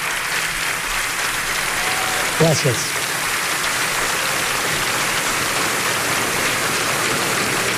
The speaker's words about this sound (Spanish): Lo aplaudían un montón, ¿eh? Sí. Estuvo un rato largo aplaudiendo la gente.